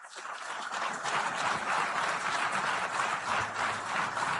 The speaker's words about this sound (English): I just wanted to play that part where they applauded at the end.